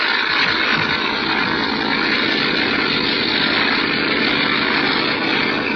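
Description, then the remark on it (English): A heavily loaded propeller plane's engine roars loudly and steadily at full power during its takeoff run on a wet runway, a dense, unbroken drone that stays constant throughout, with no voices. “You'll never get off the ground. It's too wet. Plane's too heavily loaded.”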